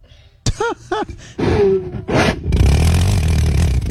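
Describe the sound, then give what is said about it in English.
A sharp whoosh of igniting rubbing alcohol vapor swells into a loud, steady engine-like roar that fills the second half, after a couple of short vocal exclamations and rushing bursts. “Oh, that's why they're calling it an engine. Does it make an engine noise?”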